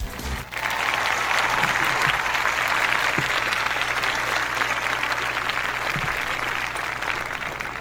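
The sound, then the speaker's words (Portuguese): An audience breaks into sustained applause to congratulate the day's birthday people on a sunny Thursday, 20 August, a dense wash of many hands clapping at steady loudness for several seconds, with no voices standing out above it. “vamos parabenizar os aniversariantes do dia e celebrar a todos que são lembrados nesse dia 20 de agosto com uma bela salva de palmas para a gente começar esse dia que se inicia com o pé direito.”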